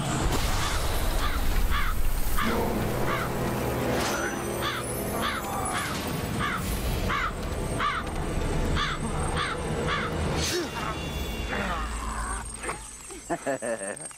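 A crow caws over and over in a steady, evenly spaced series of harsh calls, roughly a dozen in a row, set against a dense, rumbling background.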